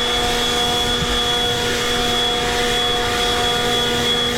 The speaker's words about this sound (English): And then they realized it wasn't a guy who was in camo with a bazooka. It was a dude with a leaf blower.